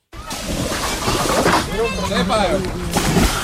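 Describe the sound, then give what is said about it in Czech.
Water sloshes and splashes steadily on the Jizera river in Czechia on a very hot day, busy with hundreds of people in canoes, rafts and boats and others swimming, while voices call and chatter throughout the short, continuous scene. “Jsou tady stovky lidí na lodích, ale hodně se jich přijelo také vykoupat.”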